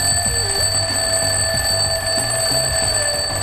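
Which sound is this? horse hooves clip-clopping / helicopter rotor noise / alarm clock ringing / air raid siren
alarm clock ringing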